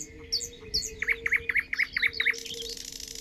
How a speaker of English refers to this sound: Now, at dawn and in the evening, melodic concerts of nightingales and frogs resound.